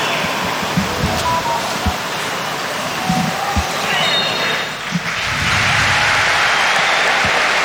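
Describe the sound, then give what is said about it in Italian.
A large crowd at the Maradona stadium in Naples gives a steady, dense roar of applause as Napoli, in blue shirts, face Arsenal, with scattered low thumps and brief whistles rising above the continuous wash of sound. “Applausi del Maradona in maglia azzurra, numeri bianchi e pantaloncini bianchi il Napoli.”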